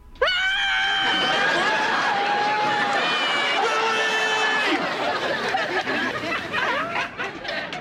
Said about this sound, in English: What's going on out there? Nothing. Just screaming.